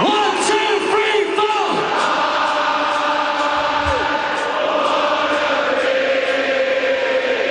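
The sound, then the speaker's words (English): A dense, roaring crowd at a a band concert with singer a singer cheers and yells continuously, with many overlapping voices whooping and bellowing at a steady, loud level throughout. “He really knows how to get the crowd going.”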